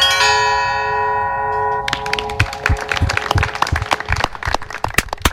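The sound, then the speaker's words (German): A church bell, struck by a bell ringer using both hands in Yaroslavl, Russia, gives a rich, ringing tone that lingers and slowly fades, then a burst of applause breaks out and continues to the end. “der mit seinen beiden Händen ganz virtuos die Glocken schlug.”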